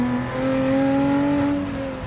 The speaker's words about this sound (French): Le 3.5 avec l'énorme compresseur. Je sais pas si vous l'entendez, mais ça chante.